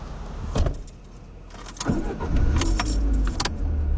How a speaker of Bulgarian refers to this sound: След което тенечко се промотвам през задния вход към паркинга на църквата. Където се качвам в колата,